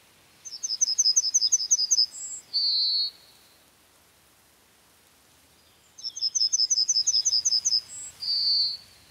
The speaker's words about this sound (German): Mit anderen können wir Worte assoziieren. Haben Sie schon einmal wie hab ich dich lieb gehört? Hier trällert die Goldammer ihr Lied.